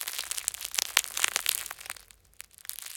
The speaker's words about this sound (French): Le pain est cuit. C'est donc ça, la délicieuse odeur de pain chaud. Tu entends? Le pain croustille.